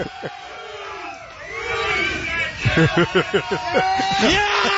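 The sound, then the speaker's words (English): A rowdy crowd in Buffalo yells and whoops as a man fires them up and jumps through a table, building into a burst of rhythmic chanting shouts, loud, with individual voices hollering over the din. “He's getting the crowd about to fire up the crowd and jump through a table.”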